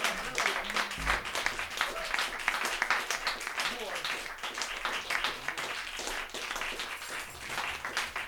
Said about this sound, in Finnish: Yes, viikon osassa on bändi. Antakaa nyt aplodit täällä.